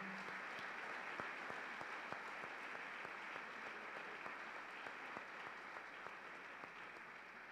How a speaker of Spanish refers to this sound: Sean bienvenidos todos, un fuerte aplauso.